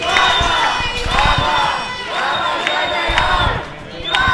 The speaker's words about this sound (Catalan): Eren els crits dels manifestants. És el que deien les desenes de manifestants concentrats durant bona part del matí, malgrat la pluja, aquí al carrer Marina, a l'altura del passatge a Bofill.